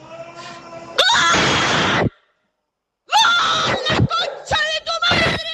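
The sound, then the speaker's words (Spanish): A man screams loudly in celebration of a goal by Argentina: one long, raw shout, a brief silence, then a run of choppy, strained yells breaking in and out, intense. “y en medio de eso viene el gol de Argentina.”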